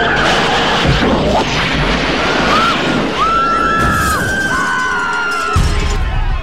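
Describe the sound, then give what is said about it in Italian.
Tires screech in several long, wavering squeals over a loud, continuous roar of rushing noise and crashing debris, intense throughout, with no one speaking. “Pensa se adesso nel film la DeLorean ne supera le 88 miglia orarie, esce dallo schermo e si schianta sul pubblico!”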